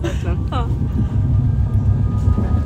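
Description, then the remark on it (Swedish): A train rolls along with a steady, continuous low rumble, as if heard from inside a carriage. A voice speaks briefly at the start, then the rumble carries on alone. “Tåget som rullar vidare.”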